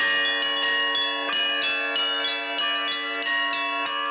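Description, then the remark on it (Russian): Church bells rung by bell ringers of the Nizhny Novgorod Metropolis at a festival ring in a rapid, overlapping peal, many strikes layering into a loud, sustained clang with bright ringing overtones, continuous throughout. “Свое мастерство демонстрировали звонари из Нижегородской метрополии. Они с удовольствием делились с гостями секретами колокольного звона.”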